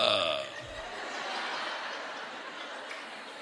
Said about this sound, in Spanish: No veo ahora los dibujos animados. Yo me siento un ratico y eructan.